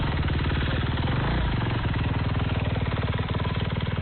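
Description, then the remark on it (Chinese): A motorcycle engine runs steadily, its loud, throbbing rumble pulsing in a quick, even rhythm throughout, with no voices. The rider is helping move residents and carry disaster relief supplies. “摩托车骑手还协助转移群众，遇到抢险施工路段，他们也会停车等待，避免影响工程进度。”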